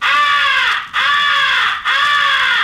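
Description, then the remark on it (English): Three long, harsh caws blown on a crow call, loud, sounding back to back with only brief gaps, each note drawn out and slightly drooping in pitch. It is the 'come here' call, imitating a crow in distress, used to attract the attention of distant crows. “First is the come here call, which is used to attract the attention of distant crows. It is a call of a crow in distress.”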